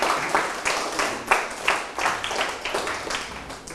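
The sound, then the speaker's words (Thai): In a classroom, pupils applaud a classmate who has just answered the teacher's question about letter writing, a steady patter of many hands clapping, moderately loud and uneven, with no talking over it. “ไม่ประทับใจนั่งลงให้ปรบมือให้เพื่อน”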